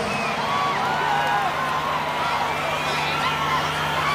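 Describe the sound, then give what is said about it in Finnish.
A live concert crowd screams and shrieks continuously, many high voices overlapping in a loud, dense wall of sound with a steady low hum underneath. “Joo, aikamoista huutamista.”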